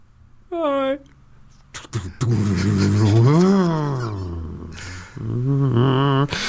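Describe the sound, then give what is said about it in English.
A man vocally imitates a car revving and driving off, his voice rising and falling like an engine, with a brief crunching burst partway through suggesting a crash, all loud. “Oh, he's been in a car he's crash dead, now, hasn't he?”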